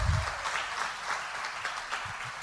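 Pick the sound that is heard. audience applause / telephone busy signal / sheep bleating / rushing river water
audience applause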